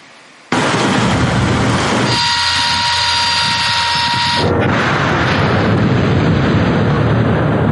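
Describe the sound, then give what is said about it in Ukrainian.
An air assault corps artillery crew fires a gun at a target found by a reconnaissance drone: a sudden, loud blast, followed by a sustained heavy roar and a brief high ringing tone partway through, with no voices. “Черговий передає її на потрібний засіб ураження, а екіпаж відкриває вогонь.”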